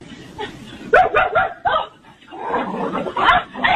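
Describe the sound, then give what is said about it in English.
A large German Shepherd dog barks repeatedly in loud, rough bursts at the entrance to a convenience store after breaking off its leash, with a short pause midway before the barking picks up again in a rapid, agitated run. “And that's a German Shepherd.”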